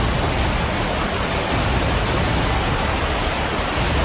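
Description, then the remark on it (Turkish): Floodwater after a heavy downpour in Ankara, Turkey, with clogged drains, rushes down a street in a loud, steady roar, a dense unbroken wash of churning water that holds constant throughout with no voices. “Yollar şelale oldu.”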